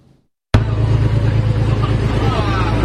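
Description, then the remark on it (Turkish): Taiwan turns pressurized water on two Chinese fishing boats in forbidden waters of the South China Sea near Dongsha Island: a boat engine rumbles steadily with a loud, rushing hiss of spraying water, cutting in abruptly after a brief silence and continuing constant, with faint voices murmuring underneath. “Tayvan, Güney Çin Denizi'nde yasak sulara giren iki Çin balıkçı teknesine tazyikli suyla müdahale etti.”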